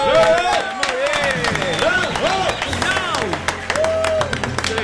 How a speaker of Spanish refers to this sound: Preparen los aplausos.